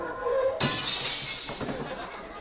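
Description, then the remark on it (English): A car crash: a sudden loud crash at about half a second, followed by a bright spray of shattering glass that rattles and tinkles as it slowly dies away. “What breaks? Darling, would you mind picking the windshield wiper out of my teeth?”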